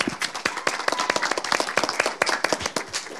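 A crowd applauds with many overlapping hand claps, a dense, fairly loud burst of sharp claps that keeps a steady, irregular patter throughout without any voices.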